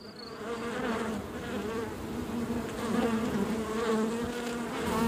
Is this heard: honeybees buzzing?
yes